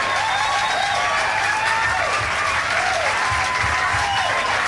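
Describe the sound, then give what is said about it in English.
An audience applauds loudly and steadily to encourage a songwriter to come up on stage, a dense wash of clapping that holds at full strength for the whole stretch, with faint cheers mixed in. “If we applaud real loud, maybe we could get … to come up here.”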